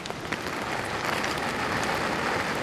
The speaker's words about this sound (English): And to make matters worse, a storm is brewing. The rain's just starting, but I think we've got to make a bit of a run for it.